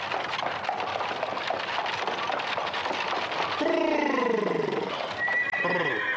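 Rapid clattering hoofbeats over a dense, noisy background as horses are halted at a well to be watered, then loud high-pitched horse whinnies that slide downward in pitch, with another neigh near the end.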